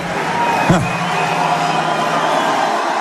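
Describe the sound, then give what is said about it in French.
A packed rally crowd of more than 10,000 people at the Zénith in Clermont-Ferrand, France, cheers for Jean-Luc Mélenchon in a steady, loud roar of many voices, with a brief rising shout or whoop cutting through the din early on. “Face à une foule incandescente, Jean-Luc Mélenchon évoque la crise des lycées.”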